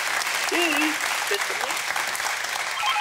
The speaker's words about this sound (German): Der Applaus zu Ihnen in die Heide.